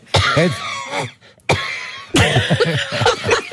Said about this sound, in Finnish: On jotenkin, on se varmasti, se on ihan todellista, mutta se, niin kuin se köhinä on niin kauhean dramaattista.